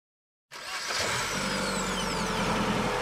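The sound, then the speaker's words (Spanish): After a brief silence, a steady car engine rumble sets in and holds, a continuous loud drone with road noise as the car drives through extremely dry land. “Ella observa desde la ventanilla del auto la sequedad más absoluta.”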